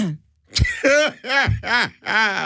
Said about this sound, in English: let me clear my throat.